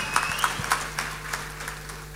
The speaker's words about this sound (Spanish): Démosle un aplauso a nuestros animadores también. Y muchas gracias a ustedes por el apoyo.